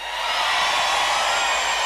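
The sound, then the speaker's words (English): A large crowd, including people way in the back on a hill, screams together on the host's countdown in a loud, sustained roar that holds steady for about two seconds, a dense wash of high-pitched voices with no single speaker standing out. “Let me hear you scream!”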